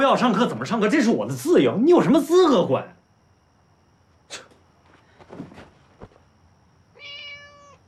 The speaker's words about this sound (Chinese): 这猫吧，确实是孙海天的猫，但不是我偷的。